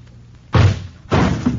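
explosion

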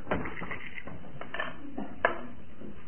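dice being thrown

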